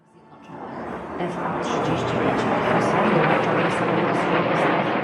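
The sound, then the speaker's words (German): F-35 fighter jets roar over central Warsaw, Poland, during a military parade, in a loud, broad, rushing rumble that swells over the first second and a half, then holds steady and powerful to the end. “Kampfjets donnern über das Warschauer Zentrum.”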